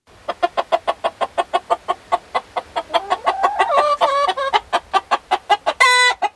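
Several hens and two roosters standing in a circle cluck nonstop at one another in a fast, overlapping rhythm, fairly loud, with a louder squawk rising near the end and no talking.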